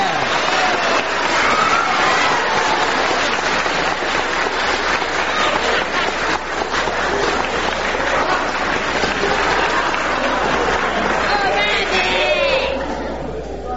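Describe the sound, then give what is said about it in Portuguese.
A large audience applauds steadily for over ten seconds for a performer on the São Bento FM radio programme Recordada, a dense wash of clapping mixed with crowd murmurs and calls, before it tapers off at the end. “Uma salva de palmas para Tarnaté.”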